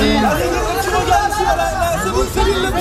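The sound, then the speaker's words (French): A dense crowd of fans chatters and calls out in front of a hotel in Paris, greeting a Québécois star on her arrival, many overlapping voices forming a loud, continuous babble with occasional excited cheers rising above it outdoors. “La star québécoise est arrivée ce matin à Paris sous les acclamations de ses admirateurs à 2 semaines de son grand retour sur scène.”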